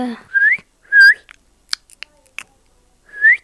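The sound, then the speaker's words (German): A Minecraft parrot gives three loud, rising whistled chirps, separated by a scatter of short clicks and ticks, with no talking. “Was ist es für ein Vogel? Papagei.”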